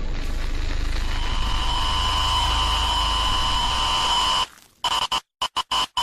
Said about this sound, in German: Es ist so, es kommt so weißes Rauschen auf dem Bildschirm und der Sound übersteuert kurz.